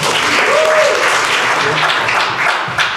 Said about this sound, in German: Und jetzt klatscht bitte direkt weiter, kräftiger und mit viel Werf für den wunderbaren Udo Tiffert.